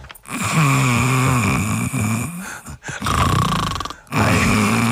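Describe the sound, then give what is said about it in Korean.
A person imitates snoring with a loud, rattling, growly voice on long exhaled breaths, several sustained rumbles separated by brief pauses, made on the out-breath the way real snoring sounds. “이 지금 제가 이게 그 코골이의 시스템으로 소리를 낸 거거든요.”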